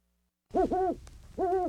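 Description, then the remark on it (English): A great horned owl hoots three times, fairly loud: two quick hoots back to back, a brief pause, then a third, over quiet background hiss. “Hello there. I'm the Great Horned Owl.”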